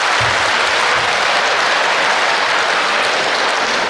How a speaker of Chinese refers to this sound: 上台了，鞠躬了，您该神奇掌声了，哎，您这个掌声太少了，掌声，掌声，掌声，掌声，掌声，掌声，掌声，掌声。